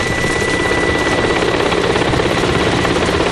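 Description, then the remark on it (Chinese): A helicopter arrives, roaring loudly, its rotor chopping in a steady rapid thump over a dense wash of engine noise and a thin high whine, with no voices. “直升飞机到了。”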